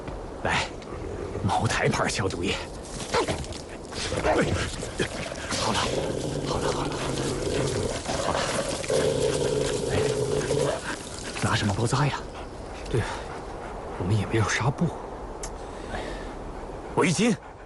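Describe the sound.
An injured three-legged wolf growls and whimpers in drawn-out, strained cries while Moutai liquor is poured and splashed over its wound as disinfectant, and people talk over it.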